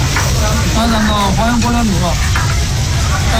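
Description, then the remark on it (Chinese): Meat slices sizzle loudly and steadily on a hot grill plate at a self-service barbecue restaurant in a shopping mall in Urumqi, Xinjiang, a constant crackling hiss, with a voice briefly murmuring in the background partway through. “假日里，乌鲁木齐会展吴越广场人潮涌动，商场一家自助烤肉店内，烤盘上的肉片滋滋作响，香气浓郁，食客们大快朵颐，尽享美味。”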